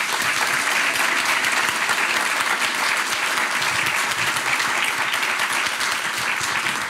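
A quiz show studio audience applauds steadily, a dense, loud wash of clapping hands that holds at an even level for about seven seconds with no voices over it.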